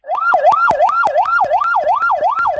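A loud ambulance siren cycles rapidly up and down in pitch, roughly twice per second, with sharp regular clicks running through it, steady with no voices; this siren pattern means the ambulance is carrying a dead body.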